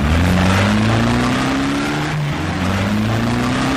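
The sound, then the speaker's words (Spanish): A car engine roars loudly, its pitch climbing steadily as it accelerates hard, briefly dropping once as if shifting gear before rising again, with no voices. “¿Ya viste el velocímetro de tu auto? ¿Estás viajando sobre el límite de velocidad?”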